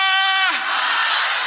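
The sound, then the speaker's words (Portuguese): A loud church audience shouting together in response while waving their hands, a sustained roar of many voices that starts with one strong harmonic yell and swells into broad, dense cheering filling the whole moment. “Eu só estou vendo aqui, mexendo a mão e gritando, mas o pessoal de longe está meio assim, não sei, está com a cara meio estranha.”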